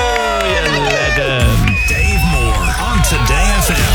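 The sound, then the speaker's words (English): A loud crowd cheers and applauds, with high excited voices whooping and shouting over one another in a continuous, dense roar that swells slightly after the first second. “One more round of applause for you.”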